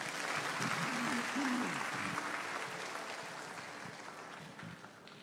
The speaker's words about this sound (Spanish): Siéntate y dar un aplauso al Señor.